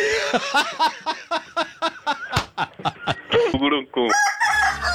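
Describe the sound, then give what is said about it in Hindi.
A rooster crows loudly in a quick series of rhythmic, clucking bursts, ending with a longer drawn-out crow and a short electronic tone, in a 'Mirchi Murga' jingle on Radio Mirchi. “मिर्ची मुर्गा नवीद के साथ, ओनली ऑन मिर्ची।”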